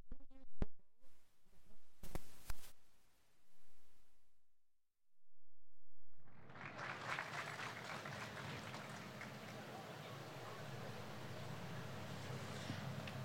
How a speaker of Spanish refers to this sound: Por ello, queremos invitar a este escenario a la primera autoridad comunal para que nos entregue sus palabras de bienvenida. Recibamos con un cálido aplauso a nuestro alcalde suplente, don Carlos.